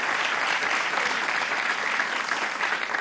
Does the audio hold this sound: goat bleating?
no